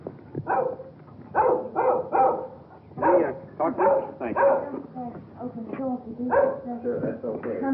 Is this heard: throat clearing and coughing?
no